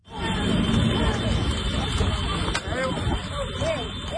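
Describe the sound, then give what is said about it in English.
A busy street scene in small-town Sicily near Palagonia during an illegal horse race: a steady din of overlapping voices and traffic, with scooters beeping, hooves on tarmac and occasional shouts from the roadside rising above the constant hubbub. “At first, it could be a snapshot of small-town Sicily, hooves on tarmac, scooters beeping, and people shouting from the roadside.”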